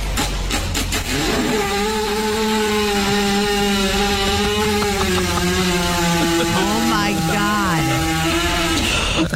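A horse, lying down while a woman kneads its belly, passes gas in one long, loud, buzzing blast that lasts around nine seconds, its low, reedy pitch wobbling and dipping slightly before it finally sputters out.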